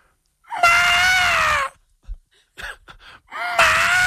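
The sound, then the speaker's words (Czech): A man's voice imitates a wapiti (elk) bugle: two loud, drawn-out, high-pitched wailing calls, each about a second long, separated by short breathy grunts and huffs. “A teď, jestli bys nám ukázal ten druh, teda jak houká vapity.”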